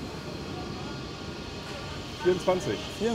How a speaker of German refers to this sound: Hauptbahnhof Hannover, Einsatz für die Bundespolizei auf Gleis 12. Das ist ein schöner Zug. Ja, und dann auch der neueste.